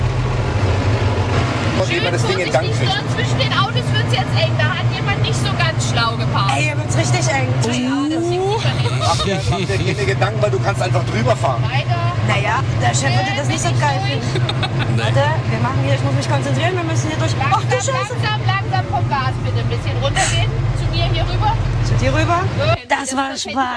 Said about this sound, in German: und jetzt geht's rauf auf den Traktor. Der wird von der kleinsten Frau am Platz jetzt gefahren